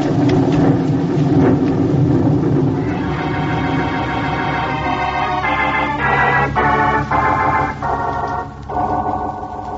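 A loud, steady rush of rain and rumbling thunder fills the opening seconds, then sustained musical chords rise over the continuing storm noise, shifting in stepped blocks toward the end.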